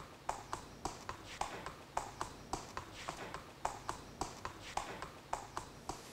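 Steady hoofbeats of a racehorse walking, clip-clopping in an even, unhurried rhythm of about three strikes per second, moderately loud, with no voices.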